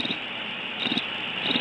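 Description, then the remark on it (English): A steady, dense chorus of crickets chirping fills the background at moderate volume, a continuous high trill with faint low thumps now and then and no voices. “I hear the crickets,”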